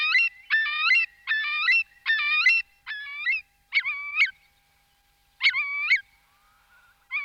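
A Eurasian curlew calls in a loud, clear series of short, ringing notes, first in quick rhythmic succession, then a few more spaced out after a pause, with no other sounds around.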